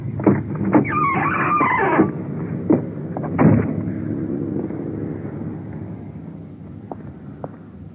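A uniformed police car carrying a suspect rolls up with a steady engine rumble, its tires squealing briefly as it slows, followed by a few sharp knocks as it comes to a stop.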